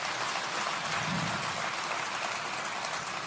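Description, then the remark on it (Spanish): Sustained applause from an audience, a dense, steady wash of many hands clapping at even loudness throughout, with no voices breaking through. “Aplausos.”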